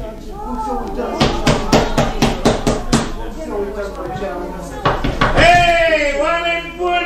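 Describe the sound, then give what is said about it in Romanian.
A quick run of about eight loud knocks on a neighbour's door, evenly spaced, as someone comes to ask to borrow a cauldron, framed by people speaking before and after the knocking. “De ce te atingi, tâlharule, de ușă?”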